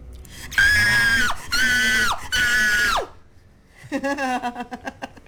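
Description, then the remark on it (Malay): A voice acting out fright lets out three loud, sustained high-pitched screams in quick succession, followed by a burst of shaky, stuttering cries that fade out. “Menjerit dalam keadaan ketakutan.”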